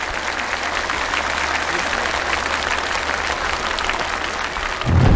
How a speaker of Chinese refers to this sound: 再次掌声送给两位，谢谢。